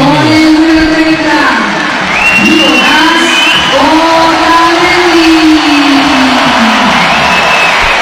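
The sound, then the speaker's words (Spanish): A large stadium crowd greets the starting lineup shown on the stadium screen, roaring with a blend of clapping and cheering, voices rising and falling in long swells, loud and dense throughout with shouts breaking above the wash. “Mix de aplausos y”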